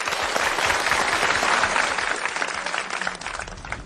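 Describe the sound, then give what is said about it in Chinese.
Audience applause from students fills the whole stretch, welcoming a teacher to give a demonstration poetry recitation: a dense, steady patter of many hands clapping at once, fairly loud and sustained without pause, with no one talking over it. “接下来呢，我们就请姚老师来为大家示范诵读，我们掌声欢迎。”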